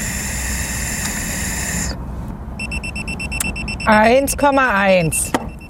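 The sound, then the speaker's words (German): A breathalyzer alarm goes off after a man who has drunk 1.5 Mass blows into it again: a steady electronic tone gives way to rapid pulsing beeps, then a loud warbling, up-and-down alarm tone before it cuts off. “Das schlägt hier wieder Alarm.”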